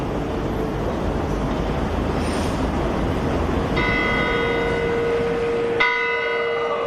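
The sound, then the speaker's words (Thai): The bell of a clock tower that is part of the old city gate in Bern's old town rings out twice, each strike a rich, resonant metallic tone that hangs and slowly fades, heard over a steady wash of background street noise. “หอนาฬิกานี้เป็นส่วนหนึ่งของประตูเมืองเก่าแต่เดิมเป็นหอนาฬิกาสร้างจากไม้”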